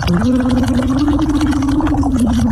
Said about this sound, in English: So what you do is every hour we have to, I want you to sort of blow into the straw, but vocalize and make some bubbles, but also vocalize.